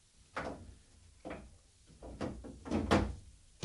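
Repeated heavy knocks pound on a wooden door as someone demands it be opened, a series of loud, uneven thuds building in force, with no talking.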